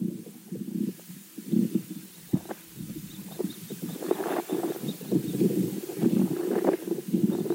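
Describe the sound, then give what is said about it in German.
Soil sounds picked up by a probe pushed into the ground of a sugar beet field: a steady, muffled low rumbling and gurgling, broken by scattered soft clicks and crackles, with no voices. “Also hier bin ich dann gespannt, ob man das jetzt wirklich als Bodengeräusch identifizieren kann oder ob es Störgeräusche der Umgebung waren.”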